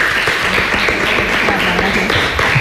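A crowd applauds steadily, a dense, even wash of clapping that stays loud throughout, with a few voices mixed in underneath.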